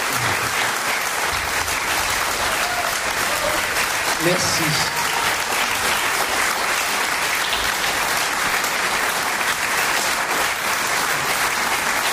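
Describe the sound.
Sustained, dense applause from a sizable audience for a performer at the 40th anniversary evening of Accent 4 fills the whole stretch at a steady, loud level, with a brief spoken thanks near the start.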